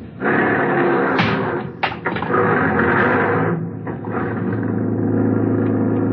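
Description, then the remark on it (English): A taxi drives steadily through heavy night traffic, its engine and road noise forming a loud, continuous rumble, with a couple of brief sharper clunks early on. “Traffic is kind of heavy tonight.”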